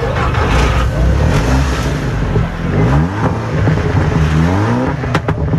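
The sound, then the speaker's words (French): Loud, roaring engines rev continuously, their pitch sweeping up and down in repeated surges, dominant with a constant mechanical rumble underneath. “Des oreilles bercées par le son rugissant des moteurs.”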